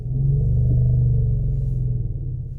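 A deep, sustained elephant rumble, a low-frequency infrasound call used in elephant communication, a low harmonic growl that holds steady and loud for a couple of seconds with no other sounds or voices around it.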